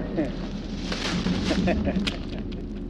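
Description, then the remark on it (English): Firecrackers go off in a dense, roaring burst of crackling noise that fills the whole stretch, loud, with sharp snaps poking through and voices faintly mixed underneath. “understand why we need the firecracker?”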